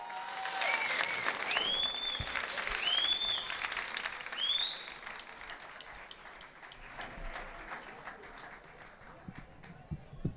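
An audience at a live show claps steadily for about ten seconds for a singer coming up to the stage, with a few sharp rising whistles and cheers in the first half, then the applause thins out and softens toward the end.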